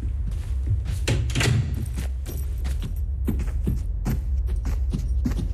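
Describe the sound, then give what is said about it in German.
A cellar door at the top of steep cellar stairs is pushed shut behind people going down, with metallic rattling like keys or a latch and several dull thuds and knocks over a few seconds, against a low rumbling background. “Mach mal die Tür hinter uns zu.”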